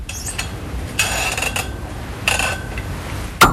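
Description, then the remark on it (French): A small wine bottle is opened with a corkscrew: two squeaky, scraping twisting bursts against glass, then a sharp pop and faint ring at the end, with no one talking. “c'est parce qu'on va parler de tire-bouchons.”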